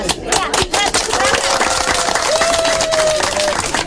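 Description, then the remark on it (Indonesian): A crowd applauding at a traditional wedding ceremony, marking that the marriage is official under customary law: dense, continuous hand clapping from many people, loud and steady for the whole stretch, with a faint voice or tone rising through the middle. “Dan tepuk tangan sebagai tanda bahwa pernikahan mereka telah resmi dilakukan di hadapan hukum adat.”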